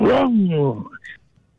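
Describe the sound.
A voice imitates a car engine with a loud, buzzy growl that slides downward in pitch for under a second, followed by a brief higher squeal before fading out.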